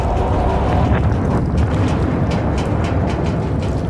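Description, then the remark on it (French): A deep, continuous rumble of a second underwater explosion in the Barents Sea, at least 100 times more powerful than the first, shaking the sea; it roars for several seconds, heavy in the low end with a turbulent, churning texture and faint crackling bursts on top; loud and steady, with no voices. “2 minutes et 15 secondes plus tard, à 11h31, une deuxième explosion, au moins 100 fois plus puissante, secoue la mer.”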